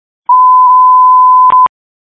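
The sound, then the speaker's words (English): A loud, steady electronic box alarm tone from the Cleveland Division of Fire dispatch system, for a call at 1009 E72, holds one mid pitch for about a second and a half, then ends with two quick clicks. No one speaks. “Box alarm for Cleveland Division of Fire.”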